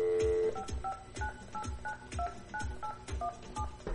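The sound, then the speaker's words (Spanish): A phone number is dialed on air at Radio La Única Mexicana 100.3 FM to call a colleague: about ten short touch-tone beeps in a steady, quick rhythm, each a bright two-pitch tone, over a low thumping background beat. “Ahí está ya, ahí está marcando ya.”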